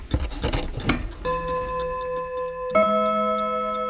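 An old clock's mechanism, ticking because it was just moved, rasps and clicks briefly, then two resonant chime strikes ring out about a second and a half apart, each tone sustaining and overlapping as it fades slowly.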